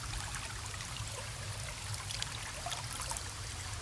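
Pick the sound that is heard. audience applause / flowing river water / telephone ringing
flowing river water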